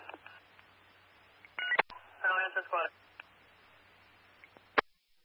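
A quick series of electronic telephone keypad beeps, short dual-tone bursts clustered together, with faint clicks before and after, fairly clear over a quiet, slightly hissy background.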